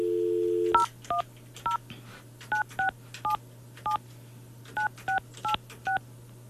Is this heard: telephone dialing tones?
yes